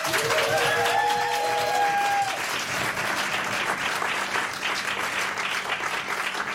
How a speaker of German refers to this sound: Einen dicken Applaus nochmal.